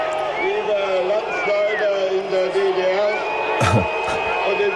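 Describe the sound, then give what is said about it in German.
A large crowd boos steadily for several seconds, a dense, sustained roar of low jeering voices with shrill whistles rising above it and a brief clatter near the end. “Ja, da wurde noch von Hand ausgebuht.”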